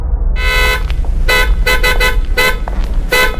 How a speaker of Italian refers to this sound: Lei ha clacsonato. Tu ha clacsonato. Io no. Ah sì, ho appoggiato appena il gomito. È un clacson sensibilissimo. Basta toccarlo, vede? Anche col gomito.